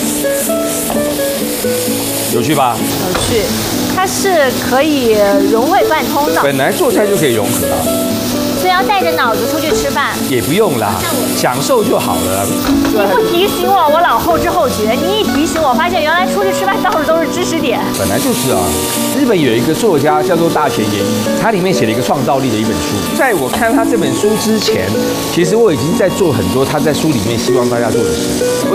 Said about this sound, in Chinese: 所以你说今天这个现在在炒肉的这个技法，对我是跟韩国的豆腐锅里面学的。